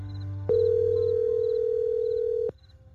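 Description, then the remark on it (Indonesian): A single steady electronic phone ringing tone of a call to the caller's mother sounds loud for about two seconds, then stops abruptly, with faint high chirps and a low hum in the background. “Telepon ibu ah.”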